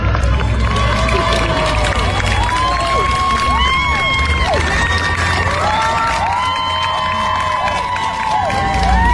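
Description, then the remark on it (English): A crowd cheering and shouting for Lindsey Clancy outside the courthouse as she is driven away from her trial, many voices overlapping in a loud, steady roar with rising and falling whoops and calls that carry on without a break. “It's another thing, though, to stand outside the trial or the courthouse as Lindsey Clancy is driven away, cheering for her.”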